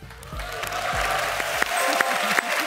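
Dense applause from a crowd, a steady wash of clapping that stays fairly loud throughout, with a few sharper claps standing out and some low murmuring voices underneath.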